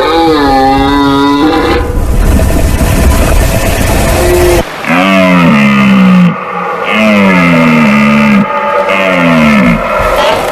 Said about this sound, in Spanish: Fíjate este suena la vida. Qué maravilloso es. La berrea en todo su esplendor.